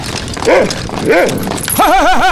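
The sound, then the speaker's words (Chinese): A large wolfdog, led on a leash, barks twice, loud, with deep, drawn-out barks about half a second apart, then lets out a wavering, warbling whine over steady background noise. “牵个大狼狗晃晃悠悠的，你吓死我了！”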